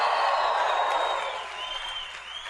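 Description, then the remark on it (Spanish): An audience shouts and cheers for joy, a dense, steady roar of many voices mixed with clapping that holds loud for a couple of seconds, then eases slightly. “Los que crean eso, den un grito de júbilo ahora.”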